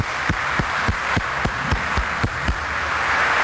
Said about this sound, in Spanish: Hoy cumple sus 10 años, hizo su primera comunión y yo quiero que le demos el aplauso que ella se merece.